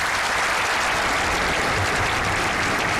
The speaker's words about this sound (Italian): Gli applausi che sentite sono quelli della Plaza del Cristo della Laguna a Tenerife alle 12:31.